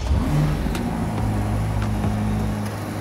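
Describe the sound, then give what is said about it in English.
A 3.9-litre twin-turbo V8 engine of 640 horsepower, revving up to 7,600 RPM, hums with a deep, steady drone, rising slightly as it revs, with no voices over it for about three seconds. “Now, the 3.9-litre twin-turbo V8 produces 640 horsepower and 760 Nm of torque, with the engine revving up to 7,600 RPM.”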